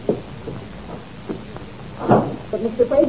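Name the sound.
door being closed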